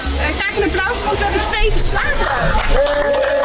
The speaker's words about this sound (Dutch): Een applaus, want we hebben 2 geslaagd. Ja, u bent dus geslaagd. U hebt uw zwemdiploma gehaald.